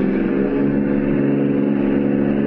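A car engine hums steadily, a continuous mid-pitched drone with a low rumble that holds the same level throughout, with no voices, as the car drives on past a house in a residential district.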